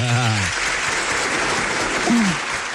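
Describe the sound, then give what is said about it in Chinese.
Steady audience applause fills the whole stretch, a dense wash of clapping welcoming an older woman's sung opera performance, with a voice briefly speaking over it at the start and again near the end. “哦，好嘞，好嘞，那就鼓掌欣赏，开始。”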